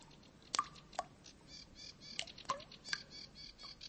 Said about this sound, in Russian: Слышите? Капель. При нынешнем весеннем солнце этот звук уже редкий.